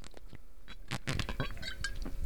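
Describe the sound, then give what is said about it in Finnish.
Liquid poured from a bottle of Valdemar strong wine, a steady splashing trickle without glugging, punctuated by a few bright glassy clinks and ringing tones, moderately loud with no voices. “Se on nyt hävinnyt se semmoinen puluputus, mutta minä voin näyttää, että minkälainen ääni sitä lähtee nytte.”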